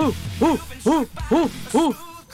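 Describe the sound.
A person imitates an orangutan call with four rising-and-falling hooting cries in a steady rhythm, fairly loud, with no other talking.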